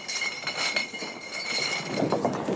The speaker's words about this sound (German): Mittwoch auf der Wiesn, in einem Bierzelt. Ein paar tausend Gläser müssen eingeräumt werden.